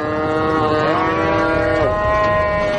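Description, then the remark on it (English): Cattle low in long, drawn-out moos that bend in pitch, loud, filling the whole moment over a steady rumbling background, during the yearly branding of the cattle with a propane-fired branding iron. “We have to brand our own cattle every year like everybody else does.”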